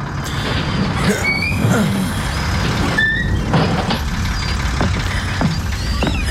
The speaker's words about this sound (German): Der Bus hielt.